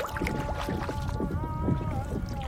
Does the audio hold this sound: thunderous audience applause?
no